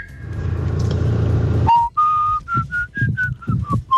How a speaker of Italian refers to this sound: Cosa ci fischiate, se sapete fischiare? Abbiamo uno tra tanti vocali, lo ascoltiamo, sentiamo chi è.